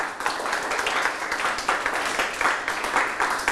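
A group of students in a classroom applauds a classmate, a dense, steady patter of many hands clapping at once that keeps an even level for a few seconds with no voices over it.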